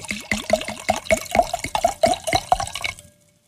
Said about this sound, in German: Dann gieß doch mal ein